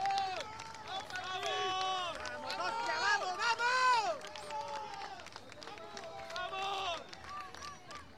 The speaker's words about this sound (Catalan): Ei, aplaudiments, eh? Aplaudiments, unanimitat, els aplaudiments a l'arribada de l'equip a l'estadi Samuel Mirona.